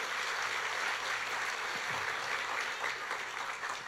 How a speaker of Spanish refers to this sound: El Hijo del Dios viviente, Jesucristo de Nazaret. Dele los aplausos a ese Señor.